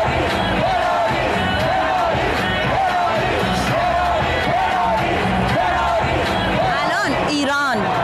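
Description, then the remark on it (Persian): A large crowd of Belgium fans chants and cheers in steady, rhythmic waves at Iran's second group-stage match against the Belgium national football team, loud and continuous, with shouts rising over the dense roar and a few sharp whistles near the end. “شور و هیجان زیاد اینجا جریان داره در میان هواداران بلژیک.”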